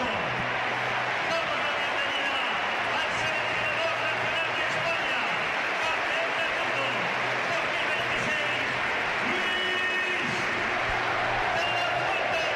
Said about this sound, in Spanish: Bueno, Luis de la Fuente, que está en el palco. El aplauso para Luis de la Fuente.